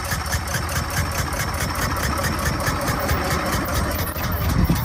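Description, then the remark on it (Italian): The small petrol engine of Carl Benz's early three-wheeled motor car, patented in 1886, runs steadily, with a fast, even chugging rhythm and a faint ticking clatter over a low rumble, at a constant loud level with no voices. “Fermarsi ogni tanto per dare al mezzo carburante e non legna per alimentare un motore molto più piccolo e maneggevole di uno a vapore, per Carl Benz rappresentava una rivoluzione.”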